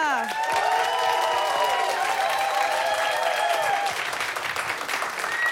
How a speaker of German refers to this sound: Applaus für Mazza!